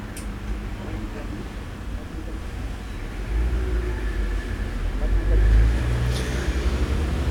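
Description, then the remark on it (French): Street traffic rumbles steadily while a delivery moped passes, ridden by a helmeted courier returning from a delivery, coming from rue du Four toward rue de Bussy; the low droning noise swells louder in the second half before easing slightly. “Le livreur en mobylette avec son casque et son tablier de boucher revient après avoir effectué sa livraison, venant de la rue du Four, retournant rue de Bussy.”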